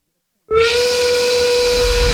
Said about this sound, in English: That's the 5 o'clock whistle.